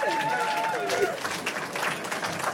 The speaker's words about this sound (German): Schön, dass ihr da seid. Dass ihr da seid. Ein bisschen Applaus. Ja, packt es.